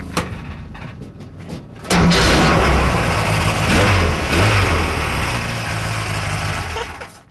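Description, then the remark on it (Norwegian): An old motocross car's engine cranks briefly, then roars to life and revs loudly and steadily for several seconds before easing off near the end. “Her har vi fått fram en sånn gammel motorcross-bil.”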